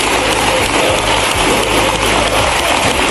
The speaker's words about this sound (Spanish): Una ovación de minuto y medio en la bancada socialista. Y no solo en la socialista, los diputados de Podemos haciendo de palmeros inesperados y gritando si se puede.